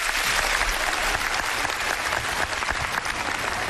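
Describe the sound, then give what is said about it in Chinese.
Steady, dense audience applause at a crosstalk show welcoming performers Ma Zhiming and Huang Zumin to perform the piece "Kan Bu Guan", many hands clapping at once, a loud, continuous crackling wash that holds at an even level throughout without voices. “这期节目里，小楼为您首先请出少马爷马志明和黄族民，咱们掌声有请这二位为您合说一段看不惯。”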